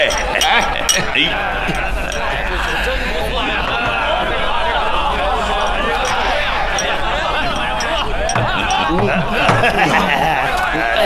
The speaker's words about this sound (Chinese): 我们还是为孩子们干杯吧。 为孩子们干杯。